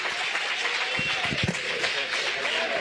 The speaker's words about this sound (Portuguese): Nós vamos receber o homem de Deus com a linda salva de palmas para o Senhor.